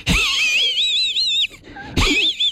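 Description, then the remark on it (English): A person imitates a cartoon dog's wheezy snicker: a loud, high-pitched warbling hiss that wavers for over a second, pauses briefly, then bursts out again. “You remember Muttley from Wacky Races, though, because Muttley was a dog. That's right. And used to go like this.”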